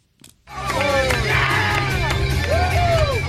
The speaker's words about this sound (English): There were cheers, chants and a sea of red, white and blue at the LA Galaxy Park watch party as fans celebrated a well-deserved victory.